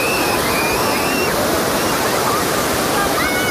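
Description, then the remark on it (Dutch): Atlantic Ocean waves breaking in the shallow surf where families surf make a loud, steady roar of rushing water with no pauses, while faint higher cheers drift above the wash; the ocean swell brings waves here all year round. “De deining van de oceaan zorgt hier het hele jaar door voor golven.”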